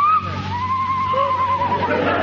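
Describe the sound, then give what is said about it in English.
A single drawn-out owl mating cry, a wavering, high-pitched call lasting about two seconds, sounding alone over a steady low hum with no talking. “The cry of a mating owl.”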